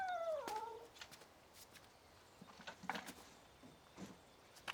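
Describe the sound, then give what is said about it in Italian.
A cat lets out one clear, drawn-out meow that slides downward at the start, followed by scattered light clicks and taps against a quiet outdoor background, in a field where cats circle a man working there. “Per tutto il tempo che Attilio passa nel campo, i gatti continuano a girargli intorno”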